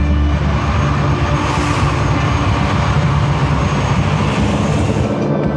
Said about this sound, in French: Les Canadair vont écoper dans la Seine. Donc, la rotation est très rapide entre des passages de Canadair. C'est de l'ordre de 6 à 10 minutes pour aller se ravitailler en eau. Toute la journée, les Canadair survolent la zone.